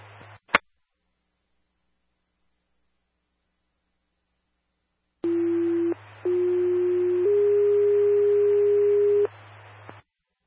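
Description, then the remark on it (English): A radio click, a few seconds of silence, then a series of long, steady fire dispatch alert tones over static hiss, shifting pitch after a brief break before cutting off, toning out Farmington Engine 2 and Medic 7 for a medical call. “Again, Engine 2, Medic 7, tones for a medical call at 2800 Rio Vista Court”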